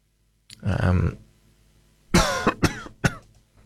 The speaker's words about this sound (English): I seem to have developed a bit of a cough, so I apologise for that.